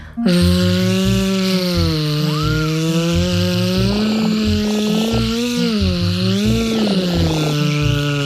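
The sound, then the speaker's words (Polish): A voice imitates a buzzing wasp as a vocal exercise, teeth together, tongue pulled back and air let out continuously, in one long, loud, unbroken drone. The pitch wavers slightly up and down throughout, with a rough, raspy edge and no words spoken. “Teraz zróbmy takie ćwiczenie, gdy będziemy naśladować inne zwierzę niż konik, to znaczy osę.”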